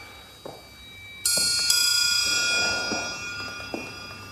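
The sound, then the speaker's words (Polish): The largest of the metal triangles on hand is struck twice in quick succession, ringing out with bright, shimmering overtones that sustain and slowly fade, with a few faint taps and knocks underneath. “I największy, który mamy, czyli...”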